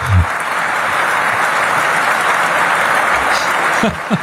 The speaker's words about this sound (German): Aber es gab ja viel, es gab viel Applaus. Ich meine, so viel Applaus ist Merz ja gar nicht mehr gewohnt.